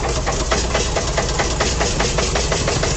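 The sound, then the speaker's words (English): The engine of WDEV radio's Fairness to Fans machine, maintained by LaRue Brothers Transmissions in Barton, idles steadily, its low rumble pulsing in a quick, even rhythm of soft knocks for the full three seconds, with no voices over it. “Hear that baby purr.”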